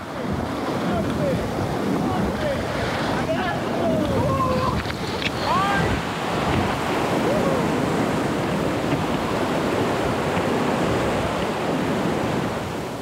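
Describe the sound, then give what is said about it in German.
A steady, powerful roar of a glacier-fed mountain river carrying cold meltwater from the Presanella glacier, flowing down from the Stilfser Joch National Park after dropping about 2000 metres, fills the whole recording, loud, with faint voices calling briefly in the first few seconds. “Das Wasser hat hier schon rund 2000 Höhenmeter hinter sich und entsprechend viel Power.”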